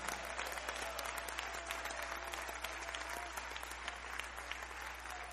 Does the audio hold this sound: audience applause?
yes